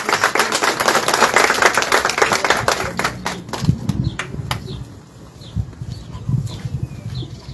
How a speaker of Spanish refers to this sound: Un aplauso, por favor, para recibirla.